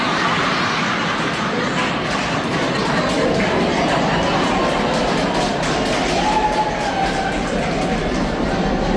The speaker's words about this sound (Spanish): Ahí se aplauden las señoras.